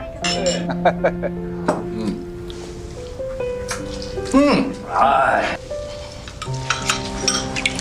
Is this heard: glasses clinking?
yes